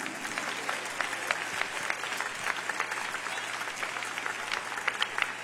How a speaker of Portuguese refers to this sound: Então vamos bater mais palmas para Jesus. Mais forte.